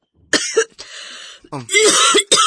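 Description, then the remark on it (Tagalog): A loud bout of harsh, raspy coughing from a mother: several hacking bursts in quick succession, with a drawn-out throaty rasp between them and no talking. “Ma, kung naiayo-ayo yung mong ubo eh.”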